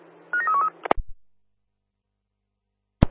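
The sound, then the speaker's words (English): A quick run of about five short touch-tone beeps at shifting pitches, followed by a sharp click and low thump, then silence until one more click at the end. “Roger, you can dial now.”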